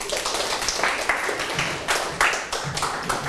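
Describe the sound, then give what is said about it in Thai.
A classroom of children clapping for a classmate who answered correctly, a dense, steady patter of many hands with a few louder bursts, lasting a few seconds with no voices. “ถูกต้องไหมครับเก่งมากปรบมือเพื่อนหน่อย”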